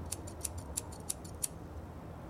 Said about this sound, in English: Take a pair of scissors.